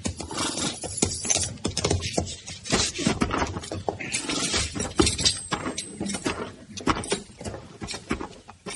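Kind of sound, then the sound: animal, horses' hooves clip-clopping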